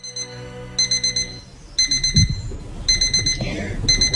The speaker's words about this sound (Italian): Sono la tua sveglia che ti chiama e ti dice che stai iniziando il tuo